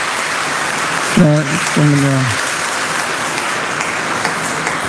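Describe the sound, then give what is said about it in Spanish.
A church audience applauds steadily for the children who came to first communion and confirmation catechism, a dense, even wash of clapping for several seconds, with a couple of short voiced calls rising above it near the start. “Un aplauso a todos los niños que vinieron.”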